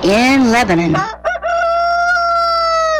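A rooster crows once, loud and close, its call rising in a rough burst before stretching into a long, steady, ringing note that carries to the end.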